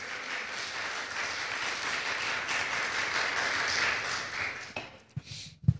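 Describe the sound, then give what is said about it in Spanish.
A crowd at a sermon breaks into sustained applause to praise God, a dense, steady wash of many hands clapping that holds for several seconds before thinning out into a few scattered claps and faint shuffling. “Le damos un aplauso, así.”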